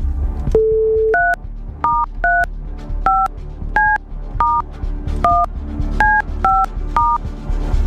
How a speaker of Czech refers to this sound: já jdu vytáčet to telefonní číslo, teď jsem zvědavý, jak to udělám s tím mrtvým ukazováčkem, ale třeba se to podaří.